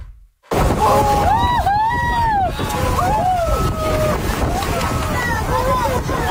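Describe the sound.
Excited passengers on a whale-watching cruise in Haute-Côte-Nord exclaim and chatter over steady wind and water noise on the boat as about ten white-born dolphins leap out of the water one after another; faint splashes and sloshing of the dolphins diving back in come through beneath the rush.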